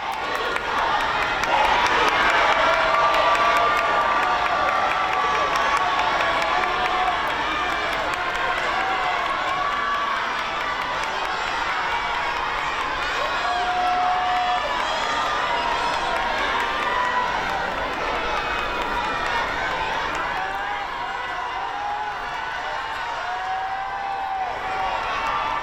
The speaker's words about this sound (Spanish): Vamos a escuchar cómo le recibe la multitud en el exterior de la iglesia de San Agustín.